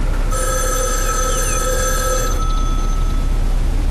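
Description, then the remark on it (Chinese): A telephone bell rings in one continuous bright, metallic burst lasting about two seconds, then stops, leaving a low background hum; a call from the school library. Fairly loud, with no talking. “稍等一下 啊，杨，你的电话。”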